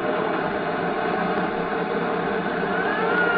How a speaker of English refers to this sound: Watch it. Here comes a new car. Looks like it might be the boys we want.